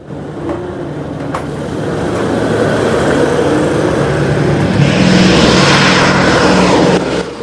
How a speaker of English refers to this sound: They look up to see two of the B-17s coming into land.